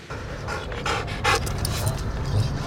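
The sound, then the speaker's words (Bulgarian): A trained dog pants rapidly and steadily, its quick breathy huffs repeating in an even rhythm over faint background noise, with no one talking, during a special operations forces demonstration of subduing a terrorist with the dog's help. “Елитни бойци от съвместното командване на специалните операции демонстрираха как обезвреждат терорист с помощта на обучено куче.”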